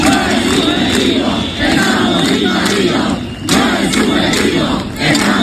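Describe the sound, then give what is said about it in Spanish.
A large crowd of protesting residents of Ceuta, Spain, shouts in unison "¡No es subjetivo! ¡Estamos invadidos!", a loud, sustained roar of voices that swells and dips in rhythmic waves of chanting, with a brief lull midway before surging again. “El subjetivo, gritan los ceutíes, que tienen que escuchar que su ministro del Interior se refiere a lo que están viviendo como una inseguridad subjetiva.”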